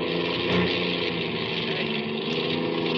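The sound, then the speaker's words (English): A car engine drones loudly, running with a rough, uneven sputter that holds steady throughout, never fully cutting out. The engine of a car fleeing pursuers is going dead. “I can't get me the engine's going dead.”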